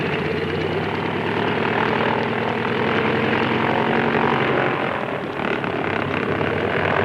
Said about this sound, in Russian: Он никогда не оторвется от земли. Взлетная полоса размокла, а самолет слишком перегружен. Он проехал уже до половины взлетной полосы и все еще не поднялся в воздух.